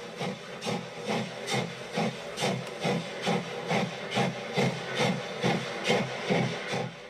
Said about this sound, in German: So, hier hören wir jetzt ganz eindeutig eine Dampflok.